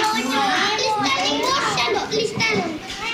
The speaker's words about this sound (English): This includes the lunch served with this group of kindergartners you're listening to now. They're eating fried chicken, rice, tempeh, mixed vegetables, and watermelon.